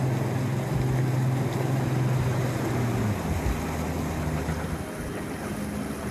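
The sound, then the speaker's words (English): A local boat's engine drones steadily at sea south of Athens, heading to the 1802 wreck site of the ship Mentor, with low harmonic rumble, water rushing and wind noise filling the background, no voices present. “Local boat owner Vangelis is taking us to the spot where it happened on a stormy night in 1802.”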